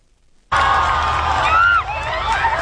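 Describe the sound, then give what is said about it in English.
A loud, dense roar of a crowd of more than a million people cheering in the streets of Madrid, waving flags and banners to welcome Pope Leo, starts abruptly, with high shouts and whoops rising above the steady wash of many voices. “More than a million people lined the streets of Madrid today, waving flags and banners to welcome Pope Leo.”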